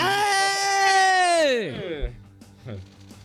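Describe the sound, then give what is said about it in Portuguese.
A long, high, strained scream holds steady for about a second and a half, then slides sharply down in pitch and breaks off, leaving a few faint low thuds. “Eu não sei se eu gosto mais do grito ou do silêncio que acompanha o grito.”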